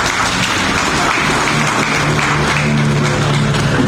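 A crowd in Petén applauds steadily for a few seconds to welcome the sales manager. A dense, even wash of clapping hands with no pauses, loud and sustained throughout.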